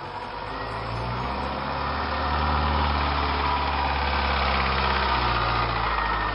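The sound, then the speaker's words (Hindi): Several car engines idle in city traffic in a steady, low rumbling drone, with continuous traffic noise filling the background and a slight rise in loudness partway through. No voices. “अरे यार देख, इतनी सारी गाड़ियां, इतने बड़े बड़े घर।”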